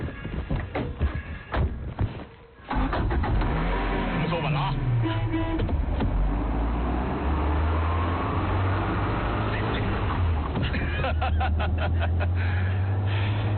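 A vehicle's engine starts up and hums steadily, with a low droning tone that shifts in pitch as the section chief drives it toward the Yangpingli weather station, after some brief rustling and movement at the start.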